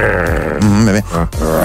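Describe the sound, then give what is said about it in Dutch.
A person imitates a tiger's growl for a song: a low, rough growl rising into a strained, drawn-out rumble with a brief break before a final gravelly push, loud. “Ja, wie doet die tijger eigenlijk in dit liedje?”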